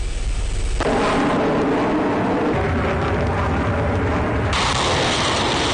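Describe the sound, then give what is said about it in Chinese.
Heavy booms of long-range air-ground artillery fire and explosions during the Center-2026 multinational joint strategic exercise of eight nations including China and Russia in Chelyabinsk, Russia, blend into a loud, continuous rumbling roar, with deep low thuds rolling through a wall of noise and no voices. “随着演习正式展开，先期空地火力对敌实施远程打击”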